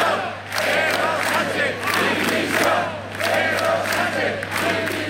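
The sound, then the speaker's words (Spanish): A large crowd at a rally in Navarra, Spain, chants loudly in unison, calling for the resignation of Sánchez, with repeated rhythmic bursts of shouting over a steady low hum. “Gritos pidiendo la dimisión de Sánchez, también aquí en Navarra la de Chivite”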